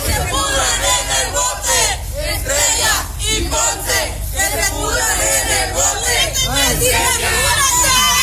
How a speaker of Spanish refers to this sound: Ambos fueron trasladados a los separos del Centro Integral de Justicia en el municipio de Altamira, donde un grupo de manifestantes pues los recibe con gritos y con consignas.